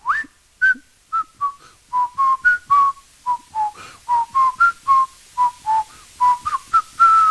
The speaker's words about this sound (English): he ran out of lyrics for the final verse of the song and the fade-out, outro to the song, which is where we hear the whistling, of course. And he's trying to think of a way to end it. And he just casually whistles the melody.